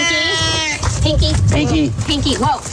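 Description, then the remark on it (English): A male domestic shorthair cat yowls loudly: one long, drawn-out cry, then several shorter rising-and-falling meows in quick succession over a low background rumble. “We got a wild cat on our hands.”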